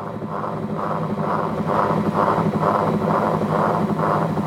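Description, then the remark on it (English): Rotating whirly tubes give off a steady, droning hum with a midrange whooshing tone that swells and fades in an even pulse, nearly twice a second, throughout, heard beneath an LP soundtrack. “So the soundtrack, which is the LP, is playing, but you can also hear underneath the sound of the whirlies themselves as they rotate.”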